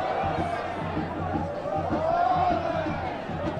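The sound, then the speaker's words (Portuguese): Bragantino football supporters in the stadium stands, during a match against Inter, make a dense, steady roar, with rhythmic olé chanting pulsing through the crowd noise as their team passes the ball, and no single voice standing out. “Abri o microfone aqui na torcida.”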